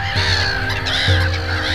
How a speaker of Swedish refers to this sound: Skrattmåsar. Minst 7, ja kanske 8 stycken.